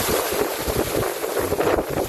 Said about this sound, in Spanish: Que está lloviendo prácticamente. Claro, el ruido del agua. Exacto, sí. Está lloviendo